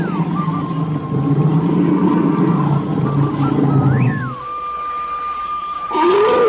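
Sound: tiger roaring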